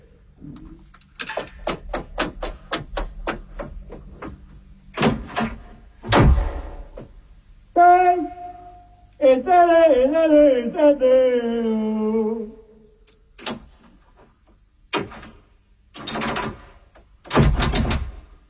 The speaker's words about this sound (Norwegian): Hallo? Jeg har låst deg ut. Det er vranglåst på døren her nå. Mm. Kan du høre meg? Ja. Jeg har gått i vranglåst.